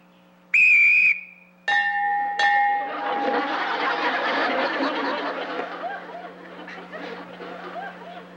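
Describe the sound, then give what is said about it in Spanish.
A shrill whistle blast rings out as a start signal for two players to attack each other, followed quickly by two more sharp whistle tones, then a burst of lively crowd noise with laughter and chatter swelling and gradually fading. “Cuando yo silbe, ustedes se atacan uno al otro.”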